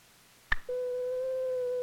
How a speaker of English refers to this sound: This pure tone gives us the classic sine wave. Increasing the frequency causes the waves to bunch up.